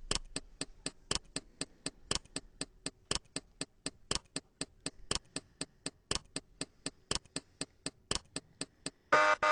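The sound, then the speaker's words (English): A ten-second countdown timer for a quiz answer ticks steadily, several crisp clicks per second with a louder accented tick marking each second, continuing alone for about nine seconds before a brief burst of noise at the end. “We're going to have to start the timer here. So you got 10 seconds starting now.”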